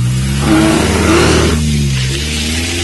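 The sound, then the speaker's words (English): A car engine revs hard and climbs in pitch, a loud roar that surges for a couple of seconds and then settles into a steady drone as the vehicle pulls away. “It wasn't fair for you to try and turn the car around on the lion.”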